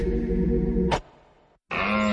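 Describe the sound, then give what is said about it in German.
A deer stag bellows loudly, a deep drawn-out roar that cuts off abruptly, followed by a brief silence and then a second rough bellow. “Der Hirsch rührt, ist Jagdfinale bei Little John Bikes”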